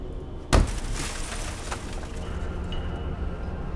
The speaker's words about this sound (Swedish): Och efter ett tag hör de något som dunsar. De tycker att det låter som någon studsar en tung medicinboll mot något som krossas.